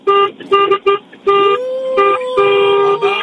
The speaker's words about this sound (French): Remettez-moi un petit coup de klaxon là. Encore.